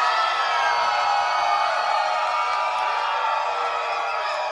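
A loud, sustained roar of a crowd screaming and cheering, dense high-pitched voices blending into a steady wall of noise for several seconds without any pause.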